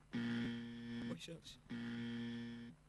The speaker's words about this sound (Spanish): Se tildó el timbre.